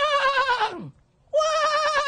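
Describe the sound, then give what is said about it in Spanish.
A horse neighs twice, each call a wavering, quavering whinny, the first sliding down in pitch before a short pause and the second holding steady; fairly clear, with no one talking. “Hombre, mire que hasta el caballo habla. ¿Lo escucharon al fondo ustedes?”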